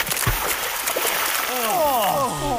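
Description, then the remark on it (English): Water splashes and rushes steadily at a waterfall, with a brief low slap near the start; in the second half a voice rises and falls over the continuous splashing as people wash in the falls. “Quick, wash in the pristine waters of the falls.”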